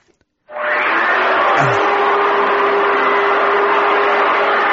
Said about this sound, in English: There he is. I think he's hoovering.